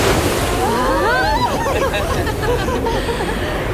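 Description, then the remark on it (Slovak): Sea waves slosh and wash continuously, rocking a boat, a steady, fairly loud watery roar, with the high wavering cries of seagulls rising above the surf throughout. “Vlny nás hojdajú a čajky škriekajú o všetkých novinkách zo života námorníkov, zverov a ľudí žijúcich na pobreží.”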